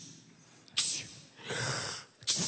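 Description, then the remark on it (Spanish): A voice imitates a dead boy sneezing in a retold Bible story: three breathy, hissing bursts. The first is short and sharp, the second longer and drawn out, and the last is abrupt. “El muerto estornuda 7 veces para que entiendan lo que está pasando.”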